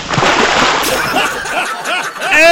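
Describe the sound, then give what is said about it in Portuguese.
A bucketful of ice-cold water is thrown in one loud splash that sloshes and splatters for a couple of seconds, and a burst of laughter breaks in right at the end. “Não tem, jogou um balde de água gelada nele, não.”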